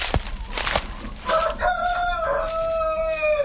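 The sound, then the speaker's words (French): A Grise du Vercors rooster, a hardy dual-purpose breed, crows once in one long drawn-out call that rises and holds before trailing off, preceded by a short burst of rustling noise and with no talking. “Alors, la poule grise du Vercors, c'est une race rustique qui est utilisée actuellement à double fin.”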